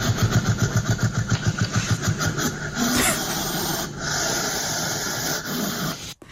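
A hedgehog hisses and huffs in quick rhythmic puffs at first, then gives a steadier, rough breathy hiss that runs on for several seconds with no voices.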